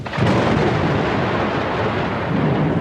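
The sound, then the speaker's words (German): A loud, deep roll of thunder rumbles continuously for a few seconds, heavy, with a steady hiss of storm noise beneath it and no voices. “Wenn die Luft aufsteigt, kühlt sie sich ab und es kann dann zur Kondensation kommen, beziehungsweise zur Wolkenbildung und dann auch zur Niederschlagsbildung und Gewittern.”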